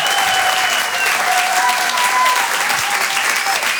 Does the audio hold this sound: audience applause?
yes